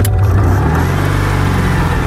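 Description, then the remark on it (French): A sky-blue 1970s Citroën 2CV named Cathy pulls away with a low, buzzing drone on roads through the fields of the Luberon in Provence, between Cucuron and Saint-Martin-de-la-Brasque. Its pitch shifts briefly as it gets going, then settles into a steady, loud hum with no voices. “On va prendre le volant d'une deux chevaux et parcourir les routes à travers les champs du Luberon.”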